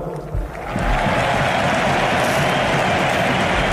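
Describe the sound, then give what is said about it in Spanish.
The crowd at Barcelona's Camp Nou stadium applauds and cheers during Lewandowski's farewell, with Deco and Bojan applauding from the box, a dense, steady roar of clapping that swells within the first second and holds loud and unbroken to the end. “Aplauden Deco y Boyan en el palco del Camp Nou, junto a Alejandro Echevarría.”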